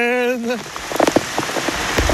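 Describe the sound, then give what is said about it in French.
Steady rain patters on a hard surface with scattered sharp drops, fairly loud, following a brief sustained note sung at the very start by a man greeting the arrival of the rain. “Il salue même l'arrivée de la pluie en poussant la chansonnette.”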